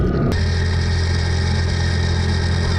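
A herder's motorcycle engine runs steadily and loudly as he rides off in a hurry to search for cattle missing from the pen, with a brief shift in tone at the start before settling into a continuous mid-pitched drone with buzzing harmonics.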